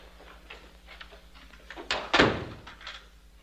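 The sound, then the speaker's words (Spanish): A door swings shut with a solid thunk, preceded by a softer knock of the latch, fairly loud against a low hum. “¿Cierro la puerta? ¡Ciérrela!”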